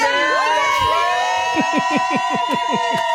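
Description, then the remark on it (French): A crowd of fans cheers and shouts loudly and continuously, with overlapping high-pitched whoops and a rapid series of rising, rhythmic yells in the second half. “Il n'y a pas besoin de pousser fort pour crier”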